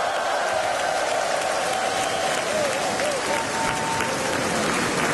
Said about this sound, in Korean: 네, 힘찬 무대를 보여준 우리 어린이 합창단에 다시 한번 큰 박수 부탁드리겠습니다.